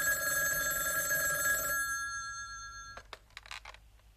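A telephone bell rings loudly with a sustained metallic trill, then cuts off, followed by a few short clicks and rustles like a receiver being picked up.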